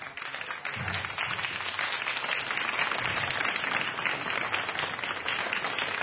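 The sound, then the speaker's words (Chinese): Sustained audience applause at a Cantonese music concert, thanking master composer Lo Leung-fai (卢亮辉), a dense wash of many hands clapping steadily at a fairly loud, even level throughout, with no voices standing out. “有掌声， 谢谢啊， 谢谢，卢亮辉大师一下。”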